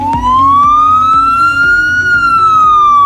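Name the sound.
ambulance siren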